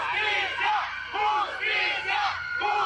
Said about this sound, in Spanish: Pese a la música de las bandas y gritos, sí se alcanzó a escuchar el grito de justicia para Alejandro.